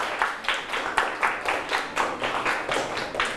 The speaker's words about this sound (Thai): สุดยอดเลยครับปรบมือให้เพื่อนเลยครับ